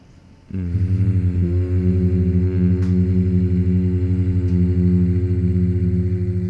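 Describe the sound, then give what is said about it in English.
A voice hums with lips closed, a steady low-pitched tone that begins abruptly after a brief quiet moment and holds evenly, with a slight buzzing pulse, for about six seconds. “The classic definition of the hum being that it is generated with the lips closed.”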